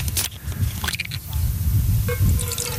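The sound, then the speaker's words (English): Water is poured into a container, a steady splashing trickle whose tone rises slightly as it fills, over a low background rumble. “Here, lift your head up. I'm gonna put in some water.”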